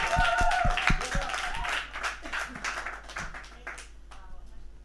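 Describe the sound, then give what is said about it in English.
A burst of applause for Res Radio from a small group, dense overlapping claps that are loudest at first and then taper off, with a few voices murmuring underneath. “So let's applause for Res Radio.”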